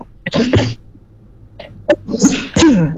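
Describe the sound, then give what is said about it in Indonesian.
A series of harsh, loud coughing bursts, a couple close together at first and then a few more after a short pause, each a sharp burst of breathy noise with a strained, throaty edge. “Maaf, agak batuk.”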